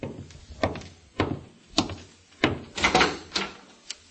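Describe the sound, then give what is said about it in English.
Several solid knocks thud against a door in an uneven rhythm, some spaced apart and a few in quick succession, each a dull, fairly loud thump with no voices. “I'm getting cleaned up before going out to meet my FBI contact, but I'm interrupted by a knock at the door.”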